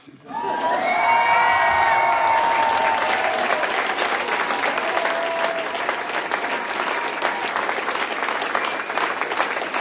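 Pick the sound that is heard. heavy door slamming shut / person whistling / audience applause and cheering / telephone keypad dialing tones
audience applause and cheering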